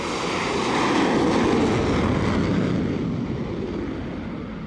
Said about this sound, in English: Then, the front wheel of the plane is attached to machinery under the deck, the catapult, which literally flings it off the edge of the deck like a pebble from a slingshot.